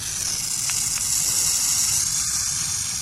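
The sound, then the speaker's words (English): A burrowing owl's hiss: a steady, harsh, airy rasp that holds unbroken for about three seconds, sounding much like a rattlesnake's buzz, with no voices present. “The hiss of a burrowing owl sounds just like a dangerous rattlesnake, which is a great way to scare off potential predators.”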